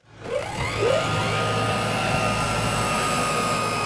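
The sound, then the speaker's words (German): A cargo drone of Friesia Luftverkehr Norddeich (FLN), part of a pilot project, is prepared for takeoff at the small Norden-Norddeich airfield on the Lower Saxony coast, Germany. Its motors spin up with a rising whine, then settle into a loud, steady mechanical hum with high-pitched tonal buzzing, sustained, with no voices. “Vorbereitung eines Drohnenstarts auf dem kleinen Flugplatz Norden-Norddeich an der Küste Niedersachsens.”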